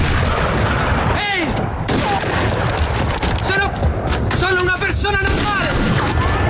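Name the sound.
gunshots fired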